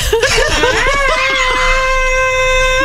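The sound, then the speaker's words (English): A frog lets out a loud, stuttering run of short cries that swells into one long, steady, shrill scream, held unbroken for over a second. “You know, he does something like that, you know, it'll be a lot less annoying, but that's all he does is just the scream.”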